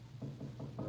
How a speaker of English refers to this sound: It's across the hall. Who's knocking at my door?